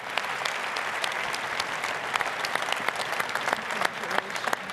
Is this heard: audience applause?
yes